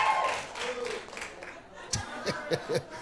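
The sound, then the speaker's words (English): A crowd at a live performance murmurs and chuckles, then a handful of audience members, independent women answering the performer's call, clap: a few sharp, scattered hand claps that don't build into full applause. “Clap your hands if you're independent.”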